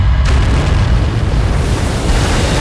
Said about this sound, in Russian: И все-таки одна бомба достигла цели. Взрыв уничтожил зенитку вместе с расчетом.